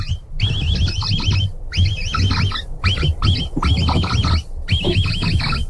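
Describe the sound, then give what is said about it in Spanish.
A capybara calling in loud, repeated bursts of warbling, high-pitched chirps over a low grunting rumble, about five or six groups in steady succession, with no talking. “Entonces, te voy a poner el sonido y de ahí ya lo intentas imitar, ¿va?”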